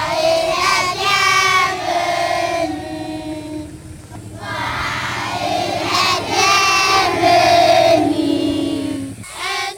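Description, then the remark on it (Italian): Dozens of children aged 6 to 12, the children of Shalom, sing a song together for visitors on a dirt road in Leo, a small frontier village, each holding a small white flag. Their high voices hold sustained melodic notes in unison, with short breaths between phrases and steady, loud volume throughout. “Imbocchiamo uno sterrato e improvvisamente ci troviamo davanti a decine di bambini che intonano una canzone per noi.”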